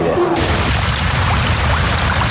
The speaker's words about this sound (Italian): All'improvviso, il corpo viene investito da rapidissimi getti che fanno esplodere nei pori minuscole bolle a ultrasuoni.